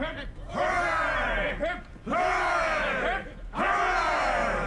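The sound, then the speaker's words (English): A ship's crew of men cheer together for Captain Smollett in three loud, rousing bursts, each rising and falling in pitch, with brief pauses between the shouts. “A cheer for Captain Smollett.”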